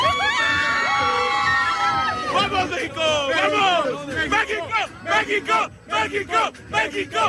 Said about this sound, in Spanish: Hoy nos veíamos en la obligación de abrir con el grito de la emoción de un pueblo, de una nación, la voz de la afición mexicana que después de ver ganar a su selección ante Ecuador ha estado de fiesta durante toda la noche.